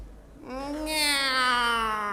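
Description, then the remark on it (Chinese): A single long, drawn-out meow, voiced by a person imitating a cat, rising slightly in pitch and held loud for well over a second before trailing off. “喵。 哦，这还是个懒猫。”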